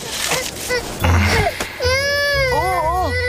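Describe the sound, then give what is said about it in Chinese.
A baby cries loudly, a long sustained wail followed by quick wavering sobs, after a second or two of muffled bustling noise. “宝宝乖，不哭不哭啊。”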